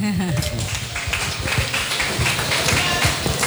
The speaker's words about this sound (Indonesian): Maka dari itu saya memberikan suatu apresiasi, kalau bisa tepuk tangan.